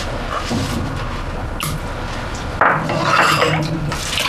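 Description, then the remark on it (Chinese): Dishes being washed: continuous clinking and clattering of pots, pans and plates over running water, with a louder burst of clanking partway through and no one talking. “我记得你每次想问题的时候，总是洗碗，一洗碗，任何难题都迎刃而解，就想出办法来了。”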